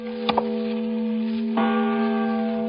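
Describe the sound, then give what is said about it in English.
A large bell rings with a deep, sustained hum and bright overtones, struck again partway through so the tone swells anew, loud and resonant with no voices. “And the voice of a great bell proclaiming liberty.”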